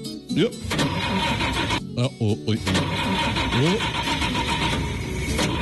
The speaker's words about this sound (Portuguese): Liga aí o motor, meu jovem.